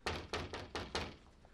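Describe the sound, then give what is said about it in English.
Five quick knocks on a door in a steady, slightly hurried rhythm, each a dull solid thud, heard alone with no voices, fairly quiet. “Someone's at the door, Mom.”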